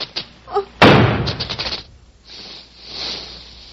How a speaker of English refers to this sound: It's dead. The snake is dead. I shot the snake.